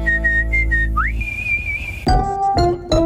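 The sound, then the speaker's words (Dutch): A person whistles a short, bright tune: a few quick notes, a rising slide into a long held note, then some brief musical tones at the end. No one speaks. “Zo kun jij fluitend aan het werk.”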